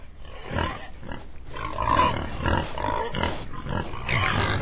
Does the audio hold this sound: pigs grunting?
yes